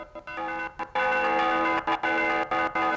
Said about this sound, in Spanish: Ahora nos vamos a trasladar hasta Cantabria para ver a los tradicionales, lo que son los tradicionales toques de campana de distintas regiones de España. Ahí los tienen.